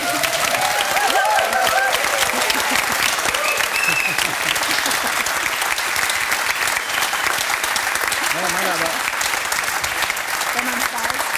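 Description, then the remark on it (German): An audience applauds loudly and steadily, a dense wash of many hands clapping that holds for the whole stretch, with faint voices and a few cheers mixed into the noise. “Ich will auch rauskommen und alle klatschen und lieben mich.”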